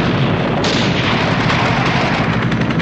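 A loud grenade blast erupts as a grenade is launched at guards on a clinic balcony, amid a dense, continuous barrage of gunfire from men in helicopters shooting into the building, the crackle and booms overlapping into a sustained roar of battle with no pauses.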